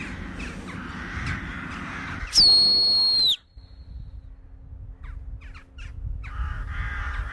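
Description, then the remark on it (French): A large flock of jackdaws in the sky, alarmed by an attacking bird of prey, give harsh, overlapping alarm calls in a noisy chorus, interrupted by a loud, sharp human whistle that slides downward for about a second before the agitated calling resumes. “Les choucas.”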